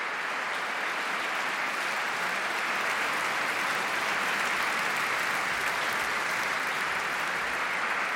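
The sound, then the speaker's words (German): A large audience applauds steadily, a dense wash of many hands clapping at once that holds evenly throughout, with no voices rising above it. The audience is in the Neubrandenburg Konzertkirche at a Festspiele Mecklenburg-Vorpommern season-opening concert, cheering a string quartet and orchestra after Louis Spohr's Concerto in A minor. “Und jetzt sind natürlich alle vier und das Orchester auf der Bühne und lassen sich vom Publikum feiern.”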